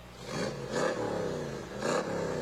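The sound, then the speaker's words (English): Riley Bay's 1965 Cobra sports car engine rumbles, its deep idle punctuated by three quick revving surges that swell and fall back, with no voices over it. “There's Riley Bay and his 65 Cobra.”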